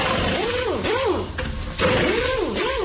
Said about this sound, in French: On le disait, grâce à cet outil, bah, ça évite de le faire soi-même, de forcer comme ça avec ses bras, de se blesser le poignet. C'est clair, c'était la perceuse. Ouais, perceuse ou visseuse automatique électrique, quoi, tu vois.